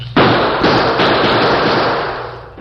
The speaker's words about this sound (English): Faced with an advancing wall of gunfire from the Redford sheriff and a group of excited townsmen, the Lone Ranger put his own guns into action to cover a retreat.